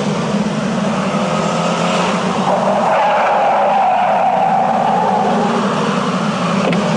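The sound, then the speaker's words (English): A driverless taxi car's tires screech loudly and steadily for several seconds as it skids to a stop, with engine noise rumbling underneath and no voices. “Do you need a cab? All I hear is a voice. What are you? Are you one of those driverless cars?”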